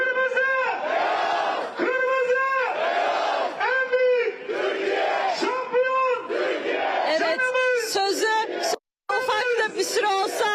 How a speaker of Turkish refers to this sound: Şimdi evet, burada bir tezahürat yapılacak. İnsanların elinde kırmızı beyaz bayraklar.